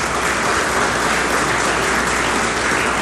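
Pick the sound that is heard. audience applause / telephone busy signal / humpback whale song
audience applause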